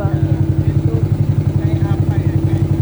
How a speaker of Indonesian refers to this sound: Sejumlah wisatawan lokal dan mancanegara sedang asik menikmati keindahan kawasan Ramang-Ramang sambil menelusuri sungai dengan menggunakan perahu motor.